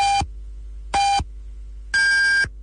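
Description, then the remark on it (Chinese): Radio time signal pips marking 14:30 Beijing time: three electronic beeps about a second apart. The first two are short and identical; the last is longer and higher-pitched. They sound clear and prominent over a faint background hum. “北京时间14:30。”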